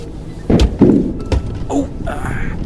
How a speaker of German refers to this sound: Was war das? Ich glaube, ich bin irgendwo drüber gefahren. Irgendwie fühlt sich's gerade etwas unrund an.